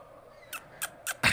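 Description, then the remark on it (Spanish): A small bird chirps four times in quick succession, short sharp calls spaced about a quarter second apart, clear against a quiet background, with the last call loudest. “No, es un pajarito, ¿no?”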